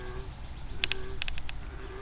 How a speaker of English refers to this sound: Gurgronk, gurgronk. That's our froggy friend.